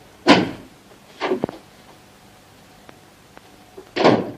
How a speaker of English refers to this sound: He pauses in front of the door. His eyes narrow. He grabs the door handle. It comes away in his hand. Indignant, he sticks it back on, turns the key, opens the door and departs.